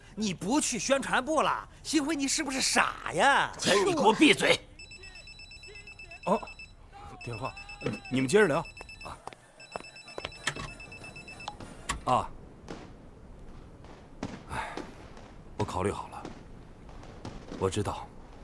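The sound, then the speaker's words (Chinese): A telephone rings in three bright, trilling bursts, clear, after heated voices fall quiet; conversation resumes more softly once the ringing stops. “哦，电话，你们接着聊。”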